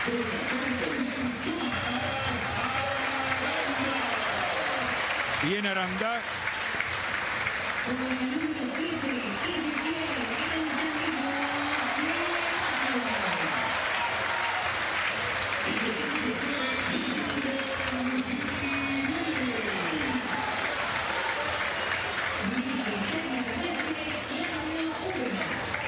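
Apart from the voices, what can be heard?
audience applause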